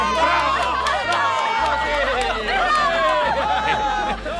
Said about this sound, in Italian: Dalle tribune il pubblico non smette di applaudire e incitare il coraggioso giocatore.